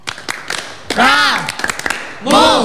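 Sharp hand claps strike in a quick rhythmic pattern as Indonesian scouts (Pramuka) perform the scout clap routine, 'tepuk pramuka', broken by two loud sustained chanted shouts from the group, with further claps between them.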